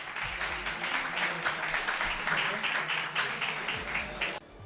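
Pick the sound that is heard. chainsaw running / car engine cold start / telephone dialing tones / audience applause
audience applause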